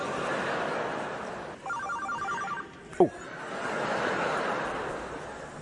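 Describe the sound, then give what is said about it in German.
A mobile phone rings briefly, a quick electronic trilling burst lasting about a second over a steady murmur of room noise, followed by a sharp knock. “bitte nur, hat jetzt irgendein Assi sein Handy an?”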